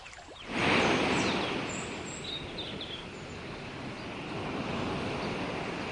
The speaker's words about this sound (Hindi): ये पानी की लहरों की आवाजें कहाँ से आ रही हैं? ऐसा लग रहा है जैसे किसी समुद्र के किनारे हूँ।